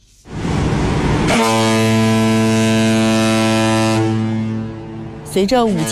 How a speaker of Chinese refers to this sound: 随着5000吨级货船鸣笛起航， 一艘艘货轮沿着134.2公里的新航道一路向南，驶向北部湾。 一声汽笛，圆的是一个百年梦。